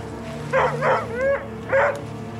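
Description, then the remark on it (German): A stressed dog gives four short, agitated barks and yips in quick succession, one drawn out into a whiny cry, over a low steady background hum. “Wenn ich mich einem gestressten Hund näher, muss ich natürlich ein bisschen schauen, wie reagiert der einfach auf mich.”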